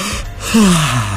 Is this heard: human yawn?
yes